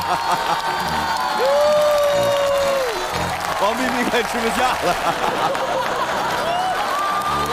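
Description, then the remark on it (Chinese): Steady audience applause, broad and noisy, runs under the whole clip while a man talks over it and a sustained sung or shouted tone rises briefly above the clapping. “掌声不停，包子不停。”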